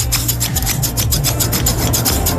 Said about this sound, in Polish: Ale jednak twardy z niego Wiking i Erling się nie poddał, a nożyczki poszły w ruch.